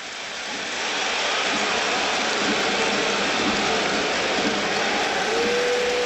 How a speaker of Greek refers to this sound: Επιθετικό φάουλ του Γκραντ στο Rivers. Μάλιστα. Χειροκροτεί ο κόσμος του Παναθηναϊκού ειρωνικά. στη διείσδυση του Γκραντ θεωρούν ότι απόθεσε τον αντίπαλό του.